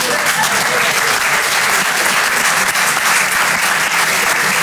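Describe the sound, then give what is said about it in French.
An audience in a hall applauds steadily, a dense wash of many hands clapping at once, loud, holding even for several seconds with no speech on top. “Là, je vous vois applaudir parce que je suis sûr qu'il y en a qui font des visios avec Bangalore dans la salle.”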